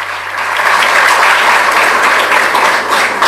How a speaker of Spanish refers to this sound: Voy a pedir un fuerte aplauso para el director de la banda, a quien agradezco.